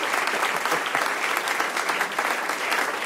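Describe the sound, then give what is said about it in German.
Steady audience applause after a reading, many hands clapping densely and evenly for a few seconds with no voices over it, fairly loud. “Und hat euch das gefallen, dass ich was vorgelesen habe? Falls ja, dann Applaus.”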